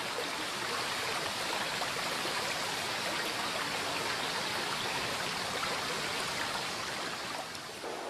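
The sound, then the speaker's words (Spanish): A steady rush of river water churning continuously and loudly through a narrow gorge, the Boca del Infierno, where for several kilometres the valley narrows to the riverbed; a dense wash of flowing-water noise with no pauses and no voices. “Durante varios kilómetros el valle se estrecha, quedando reducido al cauce del río y desapareciendo sus márgenes.”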